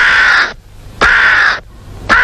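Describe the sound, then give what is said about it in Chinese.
A crow caws loudly, three harsh calls in a steady rhythm with short pauses between them, with no voices present. “老爷出门碰见乌鸦叫，可不是好兆头啊。”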